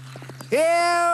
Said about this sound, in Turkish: Daha hızlı beygir, daha hızlı!